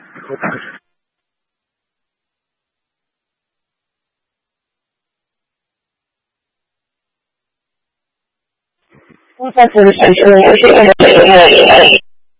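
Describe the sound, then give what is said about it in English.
After a short burst and a long stretch of silence, loud crackling radio static surges in for the last few seconds, with a garbled, distorted voice buried in the noise. “there's a lot of static in the background.”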